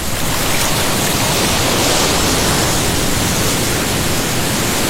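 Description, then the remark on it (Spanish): A steady, loud wash of ocean surf fills the whole stretch, a continuous hissing roar with no distinct breaks between waves and no voices. “Escuchen estas olas cómo suenan.”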